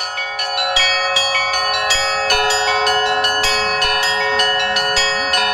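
Church bells in Yaroslavl rung as a chime (Glockenspiel), a rapid, rhythmic pattern of bright overlapping strikes with long ringing tones. The bells sound loud, and no one speaks.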